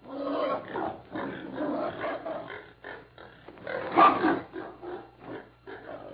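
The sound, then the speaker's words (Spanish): Several pigs grunt and snort in a steady, overlapping jumble as a young woman throws corn to them, with one louder, rougher burst partway through before the grunting settles back to a busy murmur. “Cuando los hermanos se separaron, José fue en busca de María, la doncella de Silvia, aprovechando que la muchacha andaba echándoles maíz a los puercos.”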